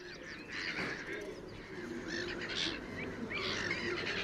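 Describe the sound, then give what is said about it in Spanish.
A noisy chorus of black-headed gulls (Chroicocephalus ridibundus) calling over one another along the Tagus river, harsh overlapping squawks and cries filling the whole stretch, with no speech. “Las gaviotas reidoras, nombre científico Croicocephalus ridibundus, forman parte inseparable del paisaje del Tajo.”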